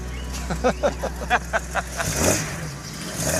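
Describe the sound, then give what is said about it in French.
A 1970s car engine idles with a low steady rumble, then revs in a quick series of about eight short bursts before settling back, with faint voices in the background. “Oh, quel son! C'est une merveille. Quelle voiture!”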